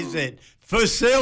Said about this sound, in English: Bless you, mate. You just sneezed during saying that first one.